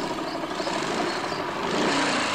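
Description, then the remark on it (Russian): A helicopter passes overhead above a forest with a steady, loud rotor and engine drone that fills the whole stretch, rough and continuous, with no voices. “Над лесом пролетает вертолет.”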